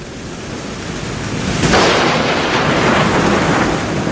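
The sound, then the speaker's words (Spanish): Steady, heavy rain hisses throughout, swelling louder partway through as a deep rumble of thunder rolls in beneath it; no voices, just the storm. “Ya eso de la tarde, me parece que fue, empezó a llover, se levantó un poco de tempestad.”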